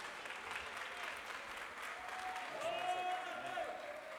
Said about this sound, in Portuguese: E as palmas glorificam o nome de Jesus.